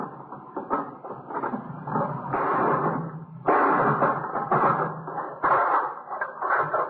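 A hammer bangs away at the metal lock on a box to break it, with loud, irregular strikes and rattling, clanking scrapes running together for several seconds. No one speaks.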